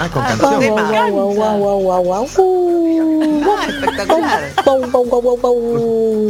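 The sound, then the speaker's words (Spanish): A person's voice imitates their own dog, with a run of quick yapping barks sliding into long wavering howls, loud, filling the whole stretch. “yo saludo a Pancho, a ver, que es mi perro. Y la remera es para mi nieto. Así que ahí va. Guau, guau, guau, guau”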